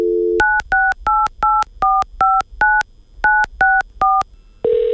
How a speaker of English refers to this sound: In thinking about who I wanted to talk to about this, I decided to pick up the phone and make a call.